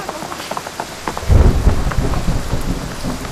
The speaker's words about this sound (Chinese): 雨下大了，先别打了吧。